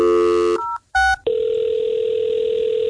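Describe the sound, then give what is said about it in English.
A telephone being dialed by radio station 94.7 WLS to call a secret-contest winner: a buzzy harmonic tone, then two short dual-pitched keypad beeps, followed by a steady, unbroken mid-pitched line tone that holds to the end. No one speaks. “But first, we have an important call to make.”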